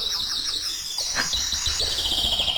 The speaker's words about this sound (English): Yep. It's a bird chirping. That's what it is.